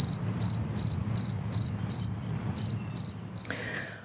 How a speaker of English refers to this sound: So let me actually then get to a modern day cricket sound. Just so for folks who don't remember, here is what crickets today sound like.